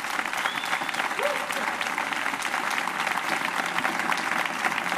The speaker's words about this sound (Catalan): I per favor, un aplaudiment en aquests dos musicassos, amics i companys.